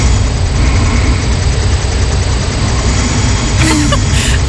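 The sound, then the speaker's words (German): Snoring from the first night with a new smartwatch, which logged 11 minutes of snoring, played back as a steady, loud, low droning rumble, hissy and engine-like, with no clear breaths. A brief brighter burst comes near the end. No one speaks. “Ich habe eine neue Smartwatch und in Nacht 1 habe ich angeblich 11 Minuten geschnarcht.”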